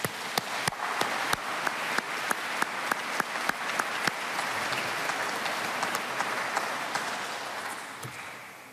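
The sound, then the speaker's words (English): A crowd of people applauding in honour of Father Richard Gibbons and all who served there over the last 50 years, with dense steady clapping and a few sharp claps standing out early on, sustained for several seconds before beginning to thin out. “I think they all deserve a round of applause.”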